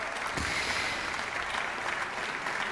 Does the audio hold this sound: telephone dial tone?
no